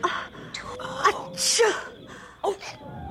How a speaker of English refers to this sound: …, they heard your sneeze.